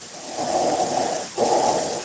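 Heavy, noisy breathing comes through a telephone line: a long breath, a short pause, then another, loud and close, with a muffled, band-limited quality.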